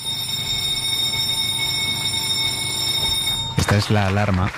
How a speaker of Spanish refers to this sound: Esta es la alarma que marca la hora a la que empieza la reunión de primera en El País, que es la reunión en la que se decide de qué temas va el periódico en la portada del día siguiente.